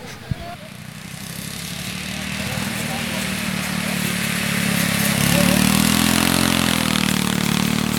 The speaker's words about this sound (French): Bonjour, vous avez essayé les tracteurs tondeuses ? Oui, bonjour, oui, j'ai bien sûr fait un essai avant d'être bénévole et d'aider.